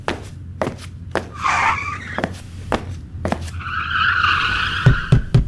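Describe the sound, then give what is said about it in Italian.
Grand Prix racing cars skid with two long, high tire screeches, the second sustained for over a second, over a low engine rumble punctuated by sharp clicks and thuds. “E basta con sto gran premio!”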